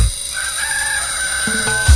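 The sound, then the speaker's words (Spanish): A rooster crows once in a long, strained cock-a-doodle-doo that holds for about two seconds, loud, with a thump of other sound at the very end. “5 de la mañana y la chicha suena más fuerte que el gallo de la catedral.”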